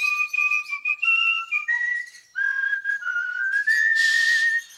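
A bird sings a steady, clear whistled tune, its pure notes stepping up and down in pitch for several seconds, with a short hissy burst near the end.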